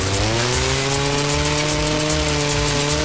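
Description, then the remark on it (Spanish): A chainsaw engine drones steadily and loudly in an advert for Bonefer farm machinery, its buzzing harmonic whine holding constant with slight pitch wobbles throughout, no voices present. “Desbrozadoras, motosierras, fumigadoras, motocultores, motobombas y generadores listos para el trabajo duro.”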